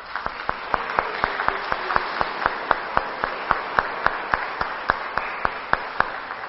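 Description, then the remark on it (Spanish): An audience at a Catholic Mass applauds together, a dense wash of clapping with a steady, almost rhythmic beat of sharper claps running through it at moderate loudness, with no one speaking. “Y ahora, por favor, volteándonos hacia el pueblo, por favor, y nosotros vamos a darles un fuerte aplauso.”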